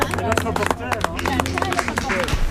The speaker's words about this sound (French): on va quand même applaudir